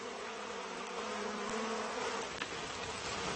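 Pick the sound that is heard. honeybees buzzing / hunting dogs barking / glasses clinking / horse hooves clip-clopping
honeybees buzzing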